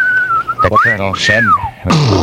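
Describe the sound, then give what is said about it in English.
A person whistles a steady high tone that swoops up and then glides downward like a falling bomb, with voiced vocal noises mixed in underneath, ending in a burst of noise. “They're dropping whistles on us again, Sarge.”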